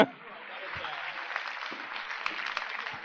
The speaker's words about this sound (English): Give him a big round of applause, ladies and gentlemen.